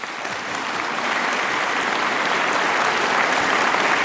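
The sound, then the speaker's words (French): Sustained applause from the audience of the live, public radio show Le Mardix, a dense steady clatter of many hands clapping that swells slightly and holds loud for the full few seconds, with no voices standing out. “Merci d'applaudir chez vous, devant votre poste.”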